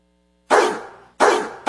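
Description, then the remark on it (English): A dog barks loudly, three sharp barks spaced at an even pace, the last one cut short, with no voices. “Calling all dogs.”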